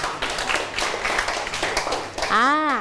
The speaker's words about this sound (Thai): ปรบมือเพื่อนทั้งสองคนหน่อยค่ะ